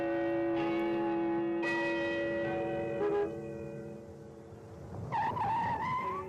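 A riverside clock tower bell in Shanghai tolls on schedule three times, each deep, resonant strike ringing out and overlapping the last, before a small car's tires screech briefly near the end as it stops in front of a courtyard.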